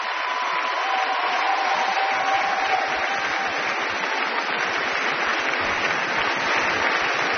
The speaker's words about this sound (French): Et ici, tous les cuivres qui ont été particulièrement gâtés ce soir. Vous voyez que les cuivres sont extrêmement applaudis. Ils ont eu beaucoup à faire.